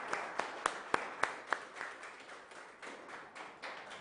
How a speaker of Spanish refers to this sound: Les damos un fuerte aplauso a todas las mamás, especialmente a la Virgen María.